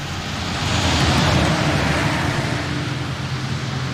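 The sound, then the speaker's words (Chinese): A heavy road train truck, an extra-long truck carrying goods in the Australian outback, rolls past, a deep engine drone under a broad rushing roar that swells to a peak early on, then slowly eases off without fading away. “那是一种行驶在澳大利亚内陆、运载各种货物的超长卡车。”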